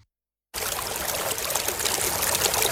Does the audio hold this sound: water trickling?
yes